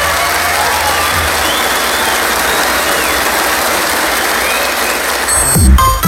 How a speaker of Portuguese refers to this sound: Um aplauso de vocês. Obrigado.